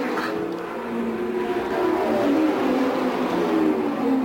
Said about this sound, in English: Now, A.J. Foyt just went up and checked with George Snyder, handed him something to drink, and the car goes back out on the track in what would be about an average pit stop.